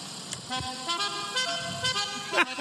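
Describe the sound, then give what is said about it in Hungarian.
A musical car horn plays a short tune, its bright, buzzy tones stepping up and down in pitch. Loud, it sounds nearly continuously, with a few brief accents. “Vannak ilyen jó dudák.”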